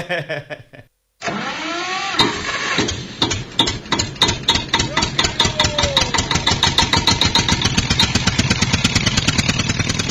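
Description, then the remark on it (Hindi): After a short quiet lead-in, a tractor's diesel engine cranks and catches, then settles into a loud, steady chugging with evenly spaced thumping beats, continuous to the end. “अबे चुप, चल अलग अलग हट, बाजू हट, ट्रैक्टर हम चलाएंगे आज।”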